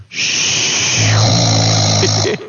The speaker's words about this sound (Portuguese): Olha ele roncando, ó. Olha que situação desse homem.